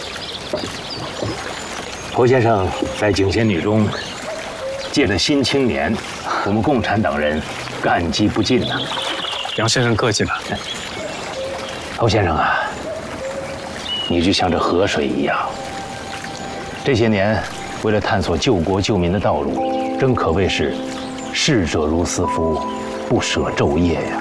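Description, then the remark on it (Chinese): A steady wash of flowing river water runs throughout, fairly loud, with people talking over it and a sustained musical tone entering near the end. “你就像这河水一样，这些年为了探索救国救民的道路，真可谓是逝者如斯夫，不舍昼夜呀。”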